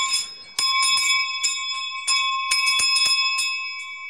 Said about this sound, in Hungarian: Ott fekszik a mezőn, mögötte a juhokkal. Ezek a csengők, ott szóltak azon. Tényleg, ma még ugyanígy használ csengőt? Itt van ennél, Felszoktam tenni.